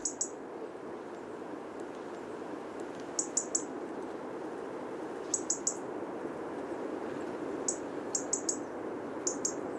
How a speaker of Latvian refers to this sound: Jo sarkanrīklītes sauciens ir tādi tikšķi, kas atgādina zaru laušanu, sīku zariņu laušanu krūmos.